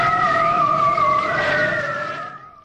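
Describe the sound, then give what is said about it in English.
A seal calls in one long, moaning, tonal wail that wavers slightly in pitch for over two seconds, then tapers off. No one speaks. “But this year, these animals sealed the victory.”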